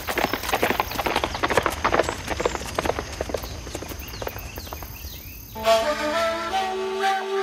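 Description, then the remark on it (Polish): Many horses carrying a band of riders gallop with a rapid, dense clatter of hooves that gradually thins and fades as they ride off in a cloud of dust, followed by a sustained tonal whistle-like sound. “Pożegnał się z pasterzem, wsiadł na konia i wkrótce cała gromada jeźdźców zniknęła w tumanie kurzu.”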